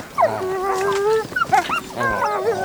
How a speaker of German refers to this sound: Seht ihr das? Da vorne ist schon eine Wolfsfamilie. Die sind doch ganz süß. Schau mal, die kleinen Welpen spielen.